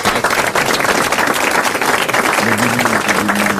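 Loud, dense audience applause, a steady wash of many hands clapping throughout, with a faint hum or voice tone emerging underneath near the end.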